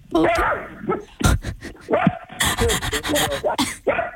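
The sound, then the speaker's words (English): A miniature dachshund barks loudly, a rapid series of high, sharp yips and barks mixed with a few whiny, whimpering notes over about four seconds. “He's quite a loud mini weenie. Yes, he'll say hi.”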